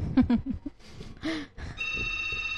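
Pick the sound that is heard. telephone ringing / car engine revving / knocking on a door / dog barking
telephone ringing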